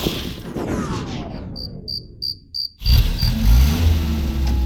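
vehicle, car engine running

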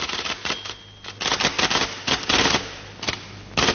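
machine, typewriter typing

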